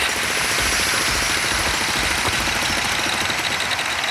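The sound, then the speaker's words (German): Loud, continuous construction noise from a city street in Ulm: a jackhammer-like rapid pounding over a rumbling engine, steady throughout, with no voices. “Aber so klingt das, wenn man in Ulm unterwegs ist. Die Stadt Ulm ist nämlich die Stadt der Baustellen aktuell.”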